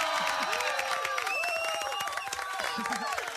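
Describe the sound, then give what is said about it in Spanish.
Steady, dense applause fills the whole stretch on Radio Nacional, greeting Argentine field hockey player la China Cosentino, heroine of the Leonas' World Cup final penalties against the Netherlands, with excited voices cheering and shouting "¡Bravo!" over the clapping at a loud, constant level. “Pero felicitaciones, Chinita, un aplauso enorme de pie de toda la Argentina.”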